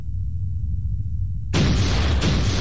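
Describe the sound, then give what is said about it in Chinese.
A hand grenade explosion, set off by Nationalist general Liu Kan as his surrounded forces were defeated near Yichuan in March 1948, bursts in suddenly after a stretch of low rumbling, its loud, harsh roar of debris-like noise filling the rest of the moment without fading. “据被俘的国民党军将领回忆，刘戡看到大势已去，就捡了一发手榴弹。”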